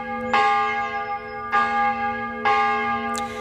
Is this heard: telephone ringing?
no